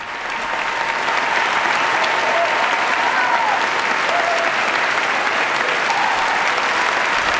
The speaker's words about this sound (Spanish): El aplauso que recibe al Santo Padre, esa gran aclamación de todos los participantes en este encuentro.